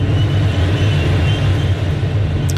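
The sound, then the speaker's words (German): Inside a motorless glider (sailplane) in flight, carried by thermals: a loud, steady rush of airflow over a low droning hum, unbroken for the whole stretch, with no voices. “Und so tönt es in einem Segelflieger.”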